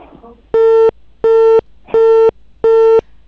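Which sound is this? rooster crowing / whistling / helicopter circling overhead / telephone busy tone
telephone busy tone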